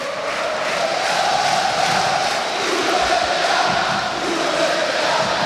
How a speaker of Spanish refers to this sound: Primeros gritos contra el presidente